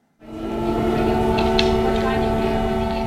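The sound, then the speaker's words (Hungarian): An air raid warning siren sounds after a brief silence, holding a loud, steady, droning wail with rich harmonics that stays constant throughout, echoing, during a Russian air attack at dawn on a municipal company in Kyiv that provides special vehicles for medical care. “Légiriadót jelző szirének hangja, bombatölcsérek, összetört mentőautók.”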